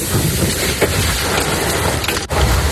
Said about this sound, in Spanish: El Macael, en Macael, en el norte de Almería, ha caído un fuerte aguacero con granizo.